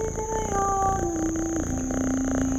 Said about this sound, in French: Excepté un chat qui se dandine sur la route de Marathon. Le vieux matou prend le frais. Il se sent si bien.